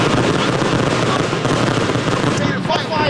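Continuous crackling and popping of fireworks going off nearby, a dense, loud barrage of rapid bursts with faint voices mixed underneath.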